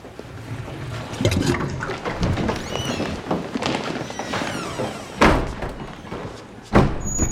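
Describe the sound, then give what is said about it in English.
Busy, echoing ambience in a public men's lavatory where men queue outside cubicles, with running water and shuffling movement, punctuated by two sharp door bangs near the end and a faint flushing rush in the background. “They make their way towards a public lavatory marked Gentlemen.”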